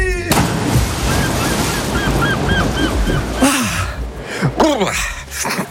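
Seagulls cry out repeatedly over a steady wash of surf, their calls rising and falling in short bursts, with a couple of louder squawks toward the end and no talking.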